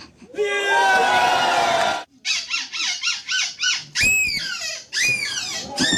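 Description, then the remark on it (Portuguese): Costumed imitators at a sound-imitation performance use their voices to imitate monkey and baboon calls: a long, shrill screeching wail, then a quick run of about eight rhythmic pulsing hoots, ending in loud, sharp rising shrieks. “Aí já é macaco, aí já é babuíno.”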